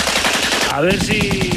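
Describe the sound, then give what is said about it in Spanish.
A machine gun fire sound effect: rapid bursts rattle loudly and continuously, with a rising whistle-like tone cutting through midway as the volley keeps going. “Va a haber que ser certeros, ¿eh? En los disparos.”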